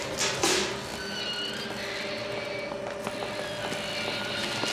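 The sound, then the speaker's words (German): A helicopter drones steadily overhead as it surveys the grounds, its engine whine and rotor noise holding an even level throughout, with no voices. “Hast du den Hubschrauber gesehen?”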